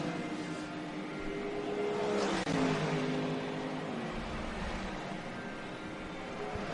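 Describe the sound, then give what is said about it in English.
A Ferrari race car engine revs and accelerates hard out of the top chicane, its high-pitched whine climbing and holding steady with a brief shift around the middle, loud and continuous with no voices. “And it's a good run out of the top chicane for the Ferrari.”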